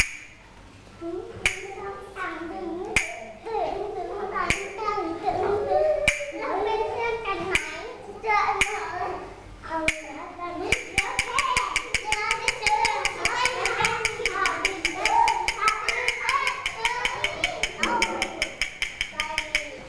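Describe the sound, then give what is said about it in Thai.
Children clap in a steady rhythm when the teacher holds up a square shape, sharp claps spaced evenly at first, then a quicker, denser run of clapping, with young voices chattering underneath the whole time. “ถ้าคุณครูชูรูปสี่เหลี่ยมขึ้นมาให้เด็กๆปรบอะไรปรบมือยอดเยี่ยมเลยค่ะ”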